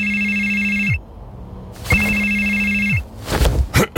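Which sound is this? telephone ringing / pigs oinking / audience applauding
telephone ringing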